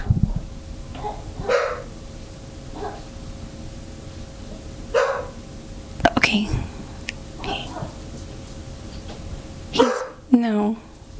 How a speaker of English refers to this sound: Oh man, do you hear my dog?